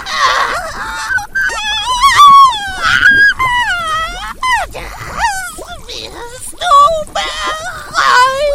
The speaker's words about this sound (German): Erschrocken drehte sie sich jedoch um, als ein Schrei aus dem Inneren des Hauses ertönte.